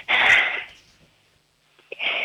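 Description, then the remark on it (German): A child imitates a toilet flush with the voice during a sound-imitation game on a children's radio show, making a loud, breathy rushing whoosh, then a pause and a brief click before a second hissing whoosh starts up. “Das ist ja die Klospülung, wollen alle Kinder hierher zeigen.”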